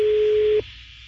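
A telephone ringback tone on an outgoing call: one steady, mid-pitched beep that holds for about half a second and then cuts off, leaving faint line hiss. No one speaks.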